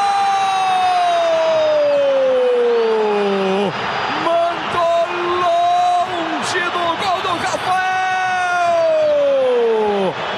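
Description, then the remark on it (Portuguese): A stadium crowd at the Morumbis roars and cheers steadily as São Paulo fans celebrate after Millonarios' Rodrigo Contreras kicks a penalty over the bar, while a man's voice bellows long, drawn-out shouts that slowly fall in pitch over the noise. “Torcida colombiana estava em festa, agora a festa muda, a festa é tricolor, porque o Contreiras foi chutar nas estrelas”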